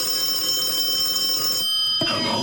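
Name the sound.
telephone ringing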